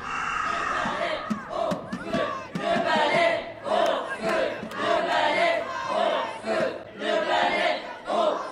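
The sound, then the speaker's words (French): A huge crowd of thousands of colorful people roars and shouts continuously as it advances, flooding the whole street, many voices overlapping in a loud, surging din with rhythmic swells like a mass of people chanting as they march. “C'est quoi tout ce boucan? Des milliers de petites têtes qui avancent en hurlant vers, je vois pas quoi.”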